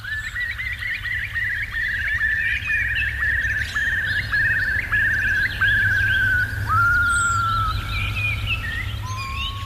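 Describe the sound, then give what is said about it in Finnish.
Birdsong: a long, rapid trill of repeated bright notes that runs steadily for several seconds, with a few shorter calls around it, over a low, constant rumble of background noise. “Mutta nyt siis tätä lintujen laulun vaikutusta ihmismieleen on ryhdytty tutkimaan.”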